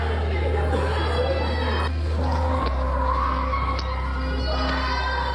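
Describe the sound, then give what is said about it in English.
A woman screams in short, strained bursts as police pull her to the floor with her baby during violent arrests of migrants at the train station in Sfax, amid a noisy, chaotic crowd, nearly buried under a constant loud low rumble and scattered shouting voices. “We saw a woman screaming as she was pulled to the floor with her baby.”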